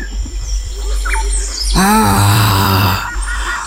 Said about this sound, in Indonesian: Dan saat itu, terdengar suara harimau yang bergemuruh.